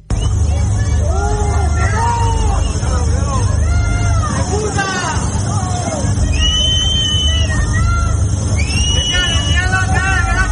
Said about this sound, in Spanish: díganle ustedes a estos vecinos que le están gritando a Pedro Sánchez y que se han visto afectados y que no saben si se han quedado sin absolutamente nada.